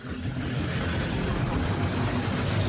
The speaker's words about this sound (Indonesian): Niat jalan-jalan, motornya malah mogok.